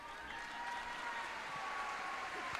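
A crowd applauds with dense, steady clapping that holds evenly for the whole stretch, with no pause or clear build, and a faint sustained tone running underneath.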